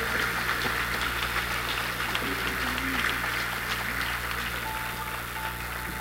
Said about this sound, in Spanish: Damos un fuerte aplauso a nuestro nuevo párroco.